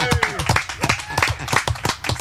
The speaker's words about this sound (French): Hey, tout le monde là-bas, j'aimerais ça qu'on applaudisse